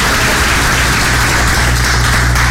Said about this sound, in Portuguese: Esquenta as mãos aí, vamos. Dá uma salva de palmas, irmão.